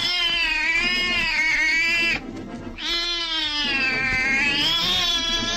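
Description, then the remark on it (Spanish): An enormous Persian cat lets out two long, loud, harmonically rich yowls as it attacks with its claws, separated by a brief pause, each sustained and wavering in pitch, aggressive with no talking. “Aquel gato increíble ataca a Kandu con sus uñas de oro, pero filosas como si fueran de acero.”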